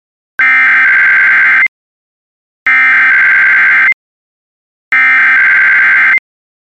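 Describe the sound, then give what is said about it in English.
Three loud, identical bursts of a harsh, buzzy electronic tone from a routine weekly test of the emergency alert system, each about a second long and separated by short silences. No voices. “is being run in conjunction with a routine weekly test of the emergency alert system.”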